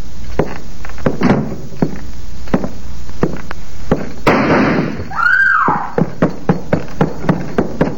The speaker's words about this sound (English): He stepped out of the parlor right after I closed the door, shooting the place to pieces.